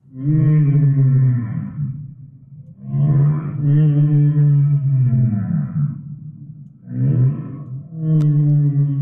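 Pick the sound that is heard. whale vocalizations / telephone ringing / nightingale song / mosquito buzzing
whale vocalizations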